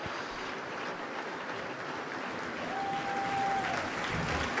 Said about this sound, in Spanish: Un aplauso apretado para todos los que han tenido la oportunidad de llevar adelante este concierto. Desde el director invitado Carlos Praceres, Lucrecia Basaldúa en violonchelo solista y Luis Jure, el autor de la obra estrenada esta noche aquí.